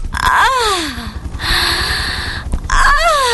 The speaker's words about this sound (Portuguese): A hora do ronco!